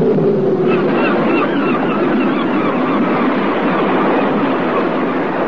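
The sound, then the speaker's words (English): A small boat is lowered into the sea, with steady, loud rushing water and splashing throughout and faint squeaky creaks, like ropes running through pulleys, rising above the wash. “Get ready. Get the boat lowered.”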